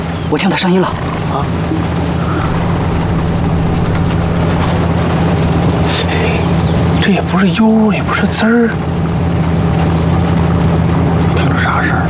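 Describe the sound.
A car engine drones steadily and fairly loud from start to finish, a constant low rumble, with brief bursts of voices cutting in near the beginning and again toward the end.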